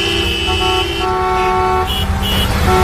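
Several car horns honk in overlapping, sustained toots over steady road traffic on the N-501 national road, as drivers see a passing Guardia Civil and UME convoy; some blasts long and others short, loud, with vehicles rumbling past.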